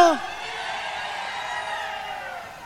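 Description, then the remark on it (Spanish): A crowd of Temuco supporters from La Araucanía cheers and whoops loudly, with a dense wash of voices and a sharp rising shout at the start, then sustained noisy cheering that fades slightly at the end. “Oye, más fuerte el aplauso a la Araucanía, muchachos.”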